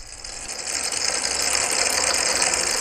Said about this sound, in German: Auf einer großen Fläche sind 10.000 Tischtennisbälle verteilt. An zwei Seiten der Fläche stehen Ventilatoren. Als Komponist arbeite ich mit dynamischen Systemen. Bei diesem hier nutze ich den Luftstrahl von Ventilatoren. So entstehen Kollisionen,